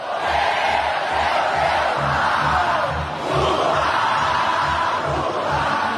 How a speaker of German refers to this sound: Er geht über einen langen Laufsteg, links und rechts jubeln die Anhängerinnen und Anhänger, überall Handys, ausgestreckte Hände.